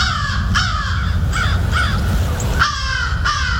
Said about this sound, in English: Yeah, you know that sound. There's a crow.